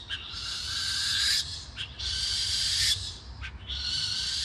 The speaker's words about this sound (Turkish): Peçeli baykuş. Tamamen karanlıkta sadece sesle av bulabildiğini biliyoruz. Çok sessiz bir uçuşu var.